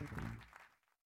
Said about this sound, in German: Applaus, vielen Dank.